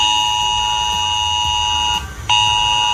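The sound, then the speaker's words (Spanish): A loud, harsh mobile phone emergency alert tone blares steadily on residents' phones in the village of Villanueva de las Cruces, Huelva, which had to be evacuated; a buzzing multi-pitched drone that cuts out briefly near the end before resuming. No one speaks. “Hoy este sonido ha sonado en los teléfonos móviles de los vecinos de la localidad de Villanueva de las Cruces, que ha tenido que ser desalojada.”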